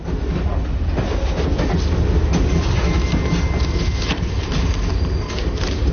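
A train rumbles steadily along the rails, its wheels clacking in a loose repeating rhythm over a constant low roar, loud throughout.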